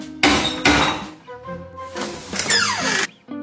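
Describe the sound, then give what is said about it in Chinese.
A metal door knocker on the door of a house with no doorbell bangs twice, loud, followed by ringing metallic rattles and a brief high squeak as it settles. “门环发出一连串刺耳的响声。”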